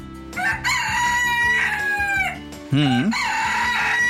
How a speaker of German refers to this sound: Und das klingt die ganze Zeit dort so, denn in Son Servera, da ist ein Hahnenschrei-Wettbewerb abgehalten worden. Gezählt wurden die Hahnenschreie, die so ein Gockel in einer Stunde loslässt, also im Wettbewerb.